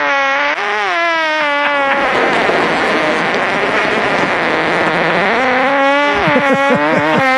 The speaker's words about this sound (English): Gentlemen, that was a fart. That's the inventor. That was the inventor of the device that keeps track of your flatulence.